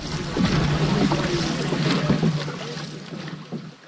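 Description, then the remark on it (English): Five dragon boats glide together across open water, paddles pulled in, the women aboard holding on to the gunwales of the neighbouring boats, with a steady wash of water and wind, a low droning hum, and occasional soft knocks and splashes; no one speaks. “The five boats glide together. Paddles are pulled in. The women hold on to the gunwales of their sister boats.”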